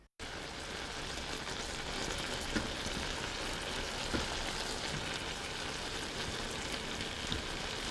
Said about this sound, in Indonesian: Tempatkan potongan apel ke dalam panci yang lain, lalu tambahkan 1/4 air dan 1 sendok makan gula. Tutup panci dan biarkan di atas api kecil selama sekitar 3 atau 4 menit.